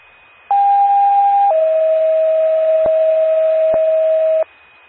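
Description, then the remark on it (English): Two-tone Macoupin County 911 emergency pager alert calling an ambulance for standby at a fully engulfed shed fire in Carlinville: a loud, steady high tone for about a second, then a slightly lower sustained tone for three seconds, with faint clicks, then silence. “Time of page 1228, Macoupin County, 911 clear.”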